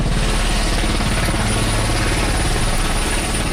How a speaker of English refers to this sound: A Turkish military helicopter carrying survivors touches down at a dock where some people are loading onto gurneys.